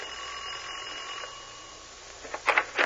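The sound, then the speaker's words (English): A doorbell rings in a few quick, bright bursts near the end, following a stretch of steady low hiss with no voices. “All right, ring the bell.”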